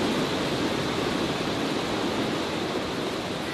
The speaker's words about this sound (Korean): 10m 높이에 어디서 이토록 많은 물이 펑펑 쏟아지는지 그저 경이로울 뿐입니다. 물속이가 높이는 따라다도 힘차게 내리고 그만큼 칠선 계곡을 방해할 수 있을 정도로 아주 좋은 폭포입니다.